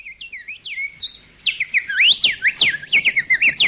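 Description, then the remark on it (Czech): A blackbird sings a run of fluting, whistled phrases that swell louder and busier in the second half, with quick rising and falling notes in steady succession and no talking. “Kos, lumpik malý, Zjevil se nám potokný.”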